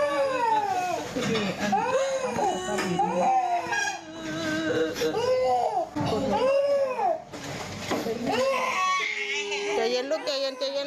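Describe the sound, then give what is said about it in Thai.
A small child wails in pain, loud, in repeated rising-and-falling sobbing cries that run nearly continuously, with brief breaths between bursts, after a nurse's assistant cutting gauze off an IV line with scissors cut the child's finger. “เด็กเจ็บอ่ะ แล้วคนเป็นพ่อเป็นแม่นะได้ยินเสียงลูกร้องแบบนี้ใจจะขาด”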